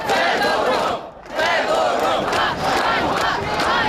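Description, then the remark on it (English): A large crowd of young Ukrainians in a square in Kyiv, Ukraine, chants "Shame, shame" in loud, rhythmic unison over the sacking of a minister, voices swelling together in repeated bursts with a brief dip before the chant surges back, filling the open city square. “Shame, shame, they chant.”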